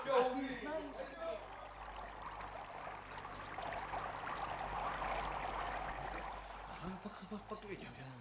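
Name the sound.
flowing stream water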